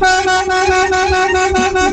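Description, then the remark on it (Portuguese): A car horn blares loud in one steady, unbroken honk lasting the whole moment, with a faint low rumble underneath and no talking. “É isso, é a buzina, você chegou lá, dá uma buzinadinha, ó.”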